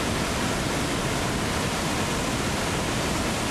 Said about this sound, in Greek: Δραματική είναι η κατάσταση στα Ψαχνά. Ο Μεσάπιος ποταμός φούσκωσε, υπερχείλησε και τα λασπόνερα μαζί με φερτά υλικά πλημμύρισαν τους δρόμους.